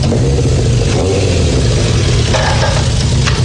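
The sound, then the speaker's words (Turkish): A motorcycle engine runs loud and steady for a few seconds, a deep rumbling drone with a gritty, raspy edge and slight rises in pitch as it revs. No one speaks. “Bu motoru nereden buldun Bert?”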